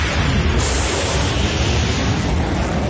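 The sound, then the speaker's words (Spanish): A sonic boom from a plane breaking the sound barrier, heard as a loud, steady rumbling roar that fills the whole stretch without fading, with deep low-end thunder and no voices. “El avión rompiendo la barrera del sonido. Muy bien.”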